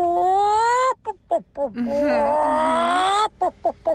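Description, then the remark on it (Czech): A radio listener's recording, sent in via an app, of a person vocally imitating a monkey and then a hen: sustained, wavering high-pitched calls alternate with short choppy bursts, loud throughout, with no other voices. “Je to tak, opička a slepička, savec a ptáček.”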